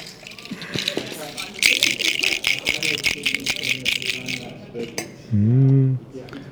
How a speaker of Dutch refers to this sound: Dat is een soort plastic doos met daarin zo van die lege plastic visjes die men gebruikt om porties sojasaus in te verpakken.